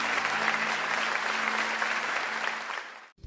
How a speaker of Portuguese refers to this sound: Se você concorda com essa oração, dá um forte aplauso ao Senhor.